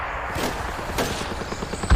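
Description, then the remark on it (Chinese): Scattered gunfire crackles, a rapid run of sharp pops with a couple of louder cracks standing out, one near the end, over a low rumbling background with no talking; the gunfire is drawing Japanese soldiers toward the character Ziming. “听枪声，看来子明已经成功的把日本人吸引到他周围了，小林武艺彻底上当了。”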